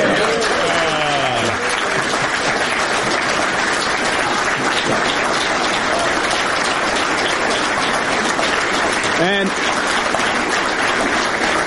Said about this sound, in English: And they have the camera zoom out so you can see everybody that's clapping for him.